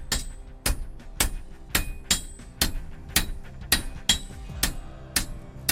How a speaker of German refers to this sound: Machen Sie das mit einem Rhythmus, damit es leichter geht? Oder? Ja. Das ist, man setzt nicht einzelne Schläge, das wäre sehr ermüdend, sondern man lässt den Hammer laufen.